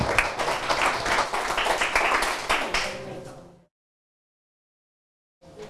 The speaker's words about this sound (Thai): ปรบมือให้กับเพื่อนด้วยครับนักเรียน